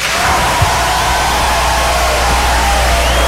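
An audience applauds and cheers, a dense, steady wash of clapping with scattered whoops that stays loud and even for a few seconds, with no talking over it.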